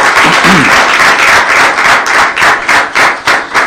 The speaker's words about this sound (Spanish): Un aplauso al Señor